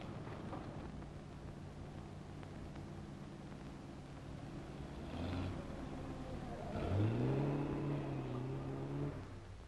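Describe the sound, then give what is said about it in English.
A car engine hums steadily, then revs up noticeably louder as the car drives up and idles, its low, throaty tone rising and holding. No one speaks. “That looks like Linda's car.”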